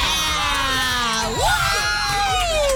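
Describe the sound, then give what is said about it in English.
The Newport Wildcats cheerleaders at a Football Friday event cheer and shout together in a loud, sustained burst, with high-pitched whoops rising and sliding over a dense crowd roar for about three seconds. “And I don't know if you can tell, but we fueled these cheerleaders with Big Bean Coffee of Greater Cincinnati.”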